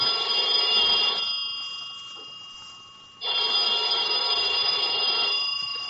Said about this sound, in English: About noontime, when the phone rang, I knew it was the clerk downstairs calling because I'd left a call for 12. I let the phone ring.